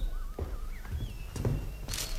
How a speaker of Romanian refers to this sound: Dar iată că, într-o dimineață de primăvară, era prin anul 1346, pe când sta în cerdac, bucurându-se de aerul tare și curat ce venea din grădina înflorită, auzi pași voinicești pe lespede și un glas cunoscut îl făcu să tresară.